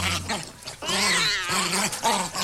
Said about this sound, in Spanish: Sí, luego el gato y el perro peleándose.